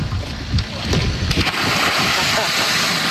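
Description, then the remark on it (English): A man belly flops into murky river water with one heavy splash, followed by steady churning and rushing water noise outdoors, with faint voices early on. “he kind of belly flopped, I think, because he really did not want to dive into the murky water, which I respect.”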